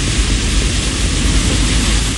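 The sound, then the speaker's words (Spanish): Heavy rain pours down in a dense, steady roar of hiss, loud and unbroken, with a low rumble underneath and no voices. “Oye, se escucha más rica la lluvia. Mira cómo llueve.”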